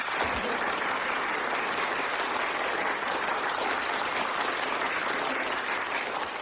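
A group bursts into steady, dense applause on command while it is recorded on a tape recorder as a sound effect, filling the whole stretch at an even, fairly loud level, many hands clapping together with no voices heard.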